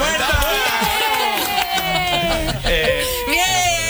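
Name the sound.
applause sound effect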